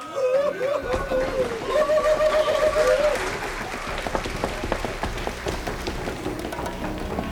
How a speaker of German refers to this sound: Kandidat Nummer 2. Auf die Bühne. Der Feuerdrache. Applaus.